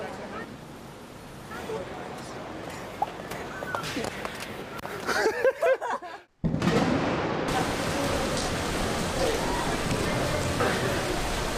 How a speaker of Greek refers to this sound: Ξαφνικά μπουρίνει, άρχισε να βρέχει, φυσάει.